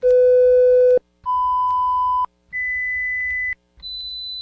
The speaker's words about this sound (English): Did you hear all four tones? Yes, there were four. If you didn't, perhaps it's time to have your hearing checked.